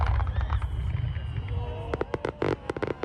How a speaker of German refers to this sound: Ein Feuerwerk voller Lebensfreude heißt die Pyro-Show des Feuerwerkmeisters, der wieder extra aus Japan eingeflogen wurde. Diese minutiös geplanten Spezialeffekte sind in Europa eine Seltenheit. Unglaublich schön.